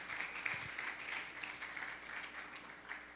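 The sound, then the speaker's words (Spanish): An audience applauds steadily for Christ, many hands clapping in a dense, continuous wash of sound at even loudness, with no voices speaking over it. “Démosle un aplauso fuerte al Cristo de la gloria.”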